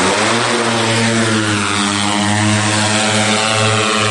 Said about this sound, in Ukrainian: Дрони запускають вночі, на екранах видно кістяки будівель. Це багатостраждальні Олешки, окупований лівий берег Херсонщини.